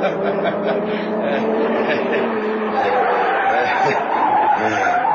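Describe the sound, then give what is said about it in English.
A car spins around at a police roadblock with its tires skidding, a loud, continuous screech and engine roar that holds steady for about five seconds. “Put it away, Spin the car, quick.”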